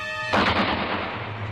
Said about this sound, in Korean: 밖에 남은 대원이 단방에 포초놈을 쏘아눕히고 대문을 열었다.